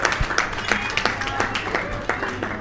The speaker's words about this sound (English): And a round of applause for